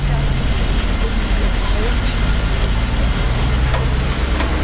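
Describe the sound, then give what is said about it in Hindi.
Heavy rain pounds steadily on a truck being driven, a dense, unbroken hiss and patter that stays loud throughout, with a low engine rumble underneath. “अभी बहुत heavy rain है”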